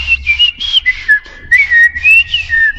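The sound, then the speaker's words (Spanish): A person whistles an imitation of birds, including a red, tomato-eating bird called the tomatero: a clear run of warbling, sliding notes in short repeated phrases, rising and falling in pitch for about three seconds with no talking. “O en este caso, yo imitaba a un pájaro, dos pájaros.”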